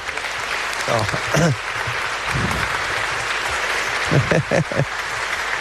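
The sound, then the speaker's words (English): A crowd applauding steadily in a reverberant church, dense clapping filling the space, with a few voices briefly rising above it; the applause is for St. Francis of Assisi. “And please we make an applause to St. Francis of Assisi.”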